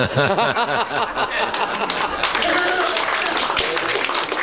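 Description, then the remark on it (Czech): An audience claps steadily, a dense rattling of many hands that stays loud for the whole stretch, mixed at the start with scattered laughter and chuckling voices. “Smutný, že tleskáme, co, ale...”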